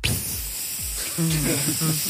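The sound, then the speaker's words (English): A person imitates the sound of a dog urinating on a spongy mat in the back of a car: a steady, continuous breathy hiss lasting about two seconds, with faint voiced hums underneath toward the end. “He's weed in the back of the car after I'd spent 5 minutes on the side of the road”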